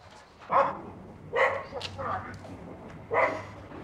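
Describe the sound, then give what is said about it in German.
A dog barks about four times in short, sharp bursts with uneven gaps between them, moderately loud against a quiet background. “Briefträger und Hund. Die uralte, verbissene Geschichte einer Hassliebe.”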